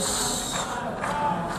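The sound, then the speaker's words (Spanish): Delegates at the United Nations General Assembly booing Israeli Prime Minister Benjamin Netanyahu as he appears: a dense, sustained wash of many voices jeering together, holding at a steady loudness throughout with no single speaker standing out. “En la Asamblea General de Naciones Unidas esta tarde comparece el primer ministro de Israel, Benjamín Netanyahu, que ha recibido un sonoro abucheo.”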